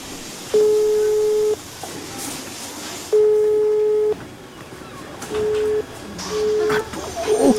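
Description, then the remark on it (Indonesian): A mobile phone busy tone sounds as a call to Fatma's phone fails to connect, in steady, evenly spaced beeps, two long ones followed by shorter ones, over a faint background hiss with some rustling near the end. “HP Fatma susah dihubungi lagi.”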